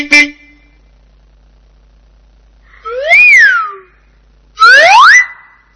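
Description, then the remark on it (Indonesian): Two loud, drawn-out car horn honks with a bending, wavering pitch, separated by a short pause, following a brief sharp tap at the start. No one speaks. “Mobil.”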